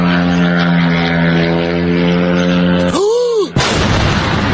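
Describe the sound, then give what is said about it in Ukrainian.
A loud, steady droning buzz of attack drone engines overhead during a drone raid on Moscow Oblast, Russia, on a Sunday morning, its pitch swooping up and down near the end before a sudden rush of harsh, roaring noise cuts in. “Жителі та гості російської столиці прокидалися під дзищання моторів та гучні вибухи.”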